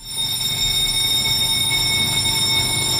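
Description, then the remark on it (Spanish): A loud alarm bell in a newspaper newsroom rings nonstop for a few seconds, marking the start of the front-page meeting; a steady, shrill metallic ringing, with no voices heard. “Esta es la alarma que marca la hora a la que empieza la reunión de primera en El País”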